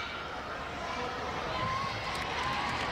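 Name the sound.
stadium crowd applause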